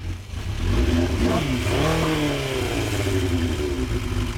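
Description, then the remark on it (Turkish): A motorcycle engine with a Yoshimura aftermarket exhaust revs up with a deep, throaty sound, the pitch sweeping down and rising again before settling into a steady, loud rumble. “Sesi çok güzel çünkü üstünde Yoshimura egzoz var.”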